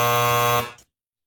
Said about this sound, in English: I was going to say what TV judge. Then that buzzer came in.